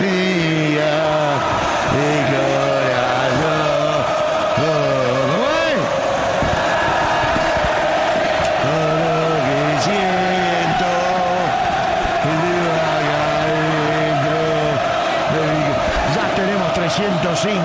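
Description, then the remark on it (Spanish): A large crowd of Boca football fans chants a repeated melodic song across a stadium during a match against Central Córdoba, voices swelling in steady, rhythmic phrases that fill the whole stretch with a loud, continuous roar of singing. “como es lo de los hinchas de Boca, escuchá.”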